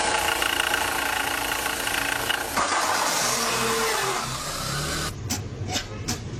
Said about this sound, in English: I think we've all been in a car that starts making sounds like that. You just think, oh dear.